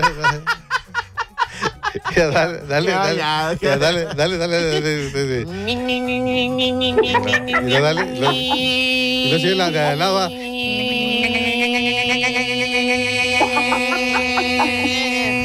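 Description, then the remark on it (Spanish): Two voices imitate cicadas in a high falsetto, starting with wavering, bleating sounds and then holding a steady, buzzing shared pitch. “Ya viene el tiempo, la época de las chicharras.”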